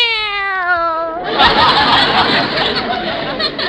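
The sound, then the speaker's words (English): A high, wavering meow lasting about a second, likely a person imitating a kitten, quickly swallowed by a burst of loud, noisy crowd laughter that carries on to the end. “Wait a minute, where are the kittens? I got them in my sweater pocket. See, here's one. Meow.”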